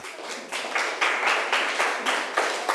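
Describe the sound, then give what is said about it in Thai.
Students in a class applaud a classmate who has just answered the teacher's question, steady overlapping claps forming a bright, even wash of sound that pulses slightly in rhythm, with no voices over it. “ขอบคุณค่ะปรบมือให้เพื่อนหน่อย”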